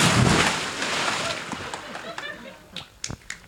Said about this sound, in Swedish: Men du får hålla i micken så hoppar jag i här nu då. Jag håller i. Okej. Gud. 23 grader varmt i vattnet, ja. Nu kör vi! Kör! Woohoo!